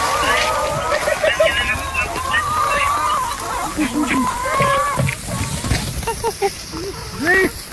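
A woman calls free-range chickens at feeding time in repeated sing-song vocal calls, fairly loud, with busy outdoor background noise underneath; the chickens know her voice and the feed containers of the Kod-Kod project.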